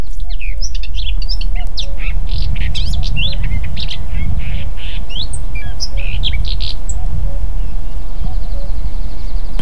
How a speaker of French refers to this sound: Et on peut entendre, si on arrête de parler un instant, les oiseaux qui sont abrités dans ces haies.